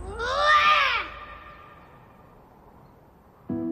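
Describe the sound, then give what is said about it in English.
A young boy lets out one especially loud, strained roar-like cry lasting about a second, pitch rising then falling, imitating an animal, as if roaring at or greeting someone, then quiet background noise with another sound starting at the very end. “It was especially loud, like he was roaring at someone.”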